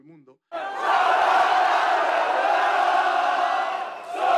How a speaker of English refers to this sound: Well, the Argentinian fans might have taken over Times Square, but the Spanish fans found their own iconic venue in Manhattan to cheer on their side under New York's High Line.